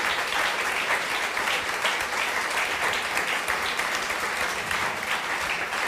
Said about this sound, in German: Großen Applaus nochmal für unseren Gast an euch und vielen herzlichen Dank.